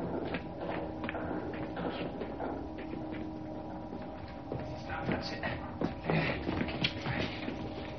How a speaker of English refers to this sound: Hearing footsteps approaching, Evans hides.